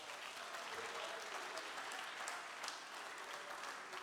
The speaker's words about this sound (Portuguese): Cadê o aplauso para o meu mestre?